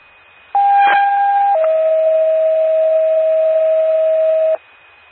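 A loud two-tone emergency dispatch pager alert for an ambulance call in McCoupin County: a steady electronic tone for about a second, then a slightly lower tone held for roughly three seconds before cutting off abruptly. No voices.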